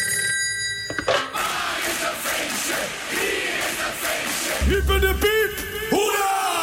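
A telephone rings on a radio host's outgoing call to listeners celebrating a birthday, in quick, repeated bursts over a loud, busy background of crowd noise and raised voices, ending with a few sharp electronic tones.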